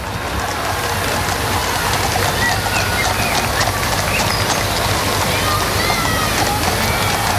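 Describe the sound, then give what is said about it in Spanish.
A large crowd of citizens, about 200 metres from the authorities' stand, cheers 'vivas al rey' for King Felipe VI and the royal family over steady, crackling applause, forming a dense, unbroken wall of voices and clapping that holds an even loudness throughout. “Son los vivas al rey, los vítores, aplausos para la familia real.”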